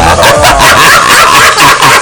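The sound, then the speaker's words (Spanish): A dog barks loudly and rapidly in a steady run of sharp yaps lasting a couple of seconds, with no voices alongside. “El otro es el perro.”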